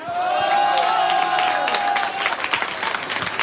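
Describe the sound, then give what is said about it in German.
An audience breaks into loud, dense applause for the listeners of Radio U1 Tirol, many hands clapping at once, a few cheers and a whistle rising over it early on, then thinning into scattered claps toward the end. “Vielen Dank fürs Einschalten, fürs Zuhören, und ich würde sagen, liebes Publikum, wir schicken noch einmal einen Riesenapplaus an alle Hörerinnen und Hörer von Radio U1 Tirol.”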